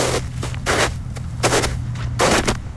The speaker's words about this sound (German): So tönt es, wenn man durch den Schnee läuft.